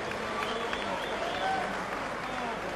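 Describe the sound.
An audience applauds steadily, a dense, even wash of clapping that holds at one level for the whole few seconds, with faint voices mixed into the noise.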